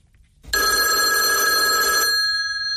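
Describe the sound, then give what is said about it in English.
A single loud burst of an old-fashioned telephone bell rings for about a second and a half, its metallic clatter stopping abruptly and leaving a fading shimmer. “I tried to find a phone that was from your era.”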